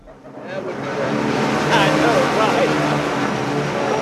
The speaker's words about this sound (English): A small crowd claps as a drone hovers above their heads and drops two blue bags with manna printed on the side.